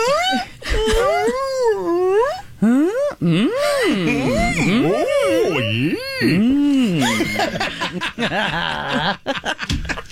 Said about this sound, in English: Yes, yeah, whale songs are one of the few animal vocalizations passed down culturally. Oh, so it's a language.